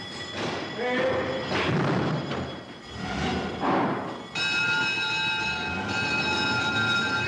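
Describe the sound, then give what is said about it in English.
Fire engines set off to fight a fire with a busy, clattering roar, then loud horns and ringing bells blare in a steady, sustained wail of bright overlapping tones that holds to the end. “And away they go, horns and bells aclamour, to fight man's oldest enemy, fire.”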